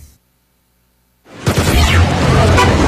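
After a moment of silence, a loud, dense wash of congested morning traffic noise bursts in, with car horns blaring over the steady roar of vehicles.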